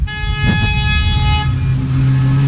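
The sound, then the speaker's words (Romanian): Car horns honk in busy street traffic in Sibiu, Romania, as drivers greet the Radio Zoo crew: a sustained blare with overlapping tones and a few sharp bursts early on, over a steady rumble of engines. “Uite, claxon după claxon, după claxon.”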